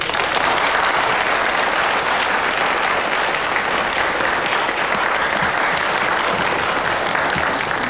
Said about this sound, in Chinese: 掌声有请。